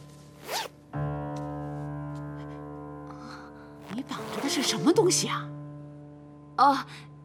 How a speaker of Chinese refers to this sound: 哎，衣服的拉链在后边呢。 奶奶， 我帮你拉。